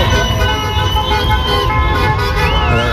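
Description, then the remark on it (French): Car horns blare loudly and continuously over the rumble of revving engines, with overlapping honks and a steady roar of traffic, at the Saint-Michel roundabout in Bourgoin-Jallieu, France, celebrating France's 2-0 football win over Morocco after the final whistle; voices may be mixed faintly underneath. “Concert de klaxons, de moteurs rugissants à Bourgoin-Jallieu, au rond-point Saint-Michel.”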